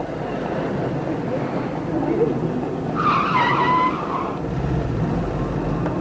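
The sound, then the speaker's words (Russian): A taxi pulls up with a short, sharp screech of skidding tires about halfway through, over a steady rumble of engine and street noise. “Я могла, конечно, поехать автобусом или в метро, но я схватила такси.”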